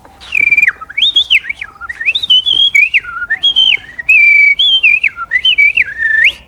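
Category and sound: bird, common blackbird singing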